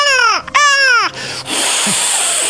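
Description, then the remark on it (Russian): Two loud, piercing seagull cries follow one another, each a harmonic squeal sliding downward in pitch, then a steady hissing wash of sea surf carries on alone. “Я вот чувствую этот прилив, вот эти чайки.”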